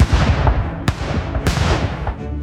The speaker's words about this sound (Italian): Nell'Italia che entra nel 1948 sono gli spari e le esplosioni dei festeggiamenti del Capodanno ad ufficializzare proprio a mezzanotte anche l'entrata in vigore della nuova Costituzione.